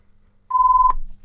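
A single short electronic telephone tone sounds clearly and steadily for under half a second over a low background rumble, with no voices.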